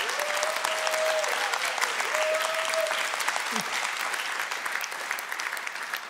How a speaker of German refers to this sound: Und dieser Applaus bestätigt dieses Gespräch von heute Morgen.